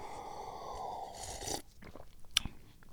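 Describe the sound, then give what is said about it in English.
A cat running around a room scrabbles and bites at a cardboard box and a crinkly plastic bag, with a steady rustling scratch for over a second, then scattered crunches and one sharp crackle. “My cat's running around in the room, attacking things, attacking the cardboard box, attacking her bandana, attacking a plastic bag.”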